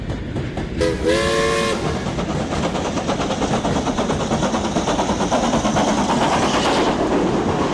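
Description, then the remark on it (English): A steam train gives a short, slightly wavering whistle near the start, then chugs steadily and loudly, the rhythmic puffing continuing without a break to the end. “Got a dodgy whistle there.”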